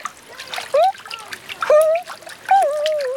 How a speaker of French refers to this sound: Plaf, plouf, plouf, plaf, plouf, plouf, plaf.